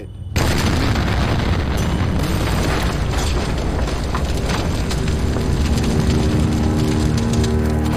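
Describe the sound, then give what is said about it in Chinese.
A high-explosive artillery shell with a delayed fuse penetrates a house wall and explodes indoors during street fighting in Ortona, with an abrupt, heavy boom, followed by a loud, unbroken roar of deep rumbling and crackling debris that holds steady for several seconds, with no voices. “我们的高爆弹弹头上有个小小的螺丝，只要转动这个螺丝，弹头在命中目标之后就会延迟爆炸，所以炮弹在出膛之后会穿透墙壁，然后在室内爆炸。”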